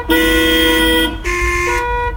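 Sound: car horn honking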